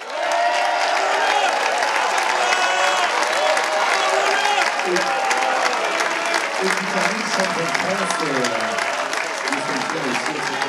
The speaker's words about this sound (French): Et un grand merci, bien sûr, à la classe mini et aux 90 skippers de cette édition 2023. Vous pouvez vous applaudir et on peut les applaudir.